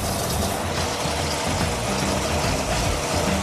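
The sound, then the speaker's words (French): A car engine idles steadily while its oil level is being checked, with a continuous low rumble and a faint mechanical clatter, holding an even, unchanging level throughout with no voices. “Le niveau est bon, on va pouvoir couper le moteur.”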